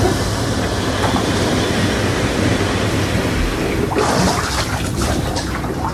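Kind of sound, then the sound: bubbling water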